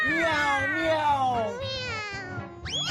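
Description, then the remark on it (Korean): A human voice mimics a cat, drawing out a long, falling meow followed by a second one and a quick rising mew at the end, close and fairly loud. “미야옹 미야옹 미야옹 미야옹. 예. 어때? 미야옹만으로도 무슨 말인지 알 수 있지?”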